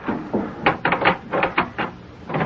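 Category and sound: household object, wooden door being opened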